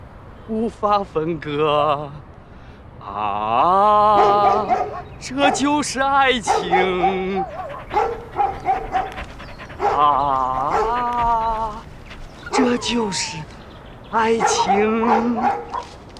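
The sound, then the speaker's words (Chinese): A human voice imitates a dog, giving repeated loud barks, yips and drawn-out whining howls in uneven bursts with short pauses between them, clear. “哪儿狗叫？”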